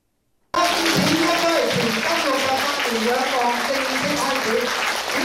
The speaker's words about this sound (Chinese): 跑出贵宾共同剪彩，为特展拉开序幕。现场响起热烈掌声。